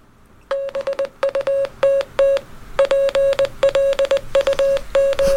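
Rapid Morse code beeps in a single steady tone, clipped dots and dashes rattling off in quick bursts with brief pauses between groups, clear with no voices.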